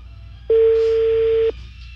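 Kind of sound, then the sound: signal or alarm, telephone ringback tone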